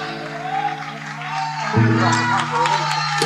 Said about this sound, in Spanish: Muchísimas gracias. Fuerte el aplauso para esta banda.